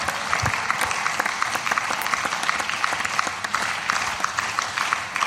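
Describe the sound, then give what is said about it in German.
Sustained applause from a large group fills the chamber of the Saxon State Parliament (Sächsischer Landtag), thanking the staff of the Landtag and the parliamentary groups, a dense, steady patter of many hands clapping at once for several seconds with no voices over it. “Deswegen ist dieser Applaus mehr als berechtigt.”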